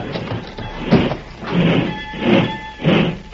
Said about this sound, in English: Better pull the door